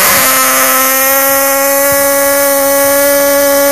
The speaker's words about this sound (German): Ich versuch das mit der Tröte. Letzte Chance! Einmal noch! Ich trommel und direkt danach du!